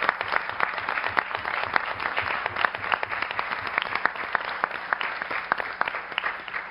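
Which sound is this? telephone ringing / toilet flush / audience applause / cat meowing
audience applause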